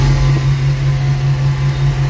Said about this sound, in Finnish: Tämä oli puimuri.